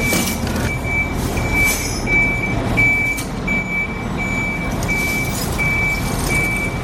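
A truck reverses into position to lay a boat on its side for caulking, its backup alarm beeping steadily in a regular rhythm over a low, rumbling diesel engine, with occasional hissing bursts and no one speaking.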